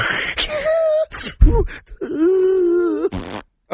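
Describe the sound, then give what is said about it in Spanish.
A voice imitates loud snoring: a few rough, droning groans alternating with harsh breathy snorts, uneven in rhythm and fairly loud, with no words spoken. “Eso es otro ronque.”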